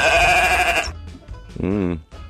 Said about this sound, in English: Do you want to hear these sheep for today?